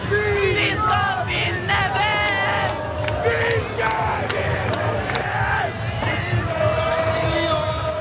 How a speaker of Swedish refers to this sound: En otrolig match, och vi kan lyssna lite på hur det lät när tusentals, närmare hundratusentals människor samlades på Norges gator.